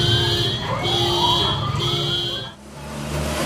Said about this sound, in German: Und bis heute sorgt die Warnsirene bei vielen für Panik.